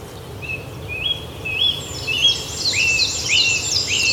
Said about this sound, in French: Donc, avec les pouillots, qu'on a bien entendu et vu.